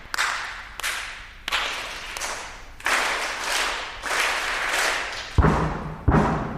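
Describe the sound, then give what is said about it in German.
A test audience of two school classes at a dress rehearsal in the Alto Theater in Essen knocks back at the conductor from the tiers, claps and stomps their feet in a series of broad, sharp bursts roughly every second, some swelling into sustained rumbling patches, with a couple of heavy low thuds near the end. “Zwei Schulklassen schauen ihm entgegen, klatschen in die Hände und stampfen mit den Füßen.”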